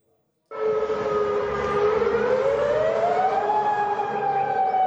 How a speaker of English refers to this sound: Within the past few hours, Jordan says its air defenses intercepted at least 8 Iranian missiles, with warning sirens sounding throughout the country.